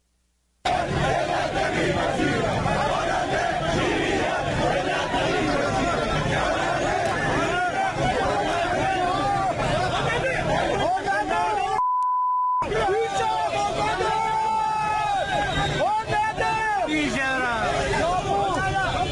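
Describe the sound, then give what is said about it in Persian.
A dense crowd of protesters who lost money in heavy-vehicle import schemes shouts and chants continuously outside the Ministry of Industry, Mine and Trade building in Tehran, many overlapping voices in a loud, rough roar. A brief electronic beep cuts through midway, and a short gap of near silence breaks the din before the shouting resumes. “تصاویر رسیده به ایران اینترنشنال از دومین روز تجمعات اعتراضی مالباختگان پرونده‌های واردات خودروهای سنگین حکایت می‌کند”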